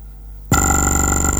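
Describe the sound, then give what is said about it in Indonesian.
A telephone line rings loudly during a listener call-in attempt to the radio show Opini Publik Makassar, after a brief near-silent moment, a steady electronic tone with bright sustained harmonics and a fast pulsing flutter, heard alone with no voices. “Kita coba lagi ya untuk line telepon ini, agak susah kami terima.”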